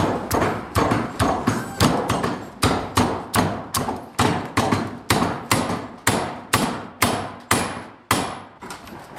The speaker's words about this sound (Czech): Teď rozjedem kladivo.